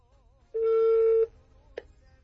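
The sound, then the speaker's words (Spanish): A steady electronic telephone tone holds for under a second, followed after a short pause by a brief blip, clear against a quiet line, as a call is being redialed. “Voy a salir de esta línea y a ver, ahí vamos.”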